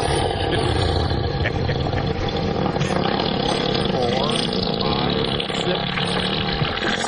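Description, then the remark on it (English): A long elephant fart: a loud, steady, rumbling blast with a rough, motor-like buzz that runs without a break for about seven seconds. “By the way, that's so funny, Todd, because on the AI it says, recorded instances of elephant flatulence can easily last up to 7 seconds.”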